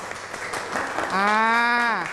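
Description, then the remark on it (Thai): An audience applauds the first group with a dense, steady crackle of clapping. Midway through, a sustained voiced shout or cheer rises over the clapping and holds for about a second. “ขอเสียงปรบมือให้กับกลุ่มแรกอีกครั้งหนึ่งครับ”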